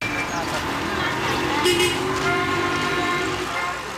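Car horns honk repeatedly amid a steady roar of heavy rush-hour gridlock traffic in Toronto, with sustained tones blaring over the constant rumble of idling and crawling vehicles.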